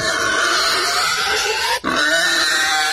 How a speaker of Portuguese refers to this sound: essa porca preta aí ronca uma barbaridade, né? E nem pra você tá dormindo pra roncar desse jeito aí, né